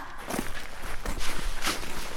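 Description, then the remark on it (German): Footsteps of children walking at a steady pace toward an abandoned school, several crunchy steps over a faint background hiss, with no voices. “Kommt, wir gehen hin.”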